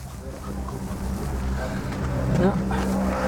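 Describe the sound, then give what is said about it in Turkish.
A diesel car engine fitted with a non-original intercooler runs at a steady, rumbling idle, with a thin turbocharger whistle rising faintly above the deep hum near the end. “Turbo şarjör ıslık çalıyor.”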